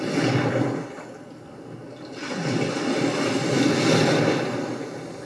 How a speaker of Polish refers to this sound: To jest spa. Fala. Fala. To będzie, już sprawdzałem, szum morza będzie. No, tego się właśnie spodziewałem.